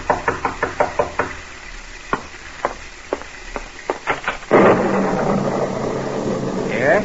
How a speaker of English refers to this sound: And as you sit by your fireside, you're startled by a knock on the door.